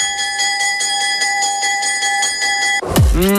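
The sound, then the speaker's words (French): A school entrance bell rings in a continuous, loud, metallic buzzing drone with a fast pulsing edge, then cuts off abruptly into a short falling, swooping electronic sound. “Ouais, on a juste la cloche d'entrée.”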